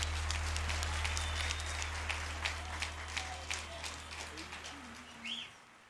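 A round of applause: dense, crackling handclaps from a crowd, steady at first and gradually thinning out toward the end, with a low steady hum underneath.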